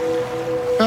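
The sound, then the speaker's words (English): A steady wash of ocean waves fills the moment, a continuous soft surf rumble with a faint tonal hum running through it and a brighter swell near the end. “But you wash that all away with Game, and now you're drifting asleep to the scent and sound of waves.”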